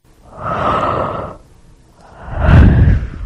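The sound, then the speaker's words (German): A person yawns with no talking: a long breathy inhale, a short pause, then a louder, deeper groaning exhale that swells and fades. “Zum Gähnen langweilig natürlich, das ist nämlich auch die Lösung.”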